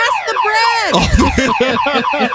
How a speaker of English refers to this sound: My takeaway is, you remember those old school car alarms?